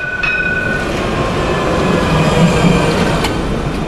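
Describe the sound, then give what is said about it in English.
An older-model Barcelona tram rumbles past, a steady loud rolling roar with faint metallic squeals and a brief sharp clank near the end. No one speaks. “A Barcelona tram, a decidedly older version than today's.”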